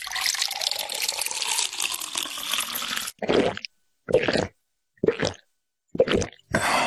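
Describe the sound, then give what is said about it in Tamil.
Drinking water is poured for two people in a steady stream for about three seconds, then comes in five short, separate splashy bursts with brief silences between them. No one speaks. “நீங்க ரெண்டு பேரும் முதல்ல இந்த தண்ணிய குடிங்க, அப்புறம் நான் சொல்றத கேளுங்க.”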